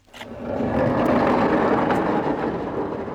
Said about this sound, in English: That is the lovely Sunoa door and its runners just running exactly as it should, and this is where new East Mainland show, what are we calling it, a pavilion